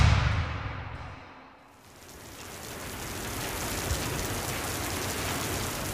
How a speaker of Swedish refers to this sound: Regnet vräker ner från den mörka himlen.